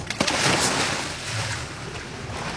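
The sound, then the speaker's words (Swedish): A motorboat idles on open water in the Kattegat, northwest of Höganäs, Sweden, over 35 metres of depth as divers jump off its stern; its low engine rumble is steady beneath wind from a light breeze and half-metre lapping waves. Continuous and fairly loud, with no voices. “hoppar i från aktern av en motorbåt vid 35 meters djup.”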